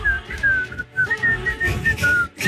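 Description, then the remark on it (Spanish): A person whistles a short melody, clear notes sliding between pitches in a few phrases with brief pauses, over a low background rumble. “Ah, aquí estoy silbando como...”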